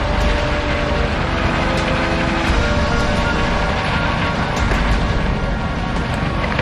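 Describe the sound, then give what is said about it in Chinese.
A steady, loud engine drone fills the whole stretch without letup, like a propeller airplane flying low overhead on aerial reconnaissance to search for the Red Army, with no voices over it. “参谋长，我命令你派出飞机进行空中侦察，加多飞行次数，降低飞行高度，仔细搜索。”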